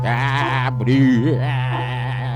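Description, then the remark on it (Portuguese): A berrante cattle horn, played to open a radio programme in Moreira César, blows one long, loud, droning note with a slightly wavering, bleat-like tone, sustained for a couple of seconds with nothing else heard. “E colocava um berrante aí, ó.”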